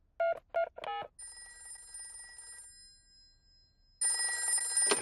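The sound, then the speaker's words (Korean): Three quick electronic beeps like phone buttons being dialed, followed by two bursts of a bright, trilling telephone ring, separated by a short pause, as a call is placed to an animal hospital. No one speaks. “동물병원에 전화해봐야겠다.”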